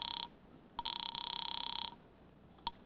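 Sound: telephone ringing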